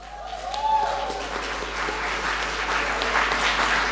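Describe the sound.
An audience applauds in a steady, dense wash of clapping that holds at an even level for several seconds, with a faint voice briefly audible near the start.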